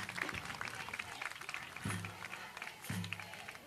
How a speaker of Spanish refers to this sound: Fuerte el aplauso para nuestro senador.